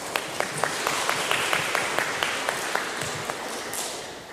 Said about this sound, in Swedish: Stor applåd.